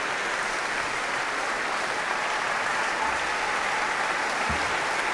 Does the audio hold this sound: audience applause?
yes